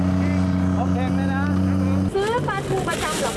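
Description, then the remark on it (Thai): The motorboat engine of a vendor who sells mackerel from his boat in a canal drones steadily, then shifts its pitch partway through as the engine is revved, while people talk over the engine noise. “แล้วเราจะรู้ได้ไงก็ว่าเรือมาแล้ว เขาขับมันรู้กันเองไงบอกไม่ถูกนั่นแหละการขับกับละคนการเร่งเครื่องไม่เหมือนกัน”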